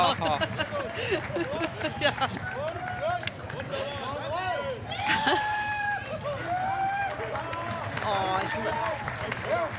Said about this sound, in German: Starke Nummer. Starkes Jubeln.